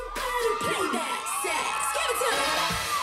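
A crowd of female friends cheers and shouts excitedly for a contestant in the first round of a competition, high-pitched voices whooping and screaming together in a continuous, loud burst of celebration.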